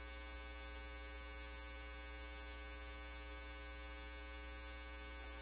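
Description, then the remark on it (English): A steady, harsh electronic alarm buzzes without a break, holding one droning tone with a rich, raspy edge throughout, with no voices. “Agent 2, Division 1, can you silence the alarm?”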